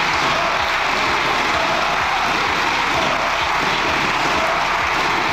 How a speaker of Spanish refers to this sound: Se oye de fondo los aplausos y los gritos de dimisión. El Congreso ha aprobado con los votos del PP, Junts y Vox una moción que insta al presidente del Gobierno a someterse a una moción de confianza, una cuestión de confianza y a dimitir